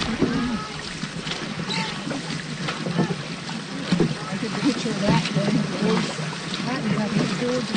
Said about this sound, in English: And on the third day, rowing against rain and a strong headwind, five dragon boats pull up to the dock in Appleton. 80 paddles rest. They've traveled 40 kilometers, paddled hard for 18 hours.